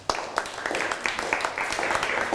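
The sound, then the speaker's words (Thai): Classroom students clapping together for a classmate who answered a question, a dense scattered patter of many hands with sharper claps standing out, steady, for a moment. “นั่งลงปรบมือให้เพื่อนหน่อยครับ”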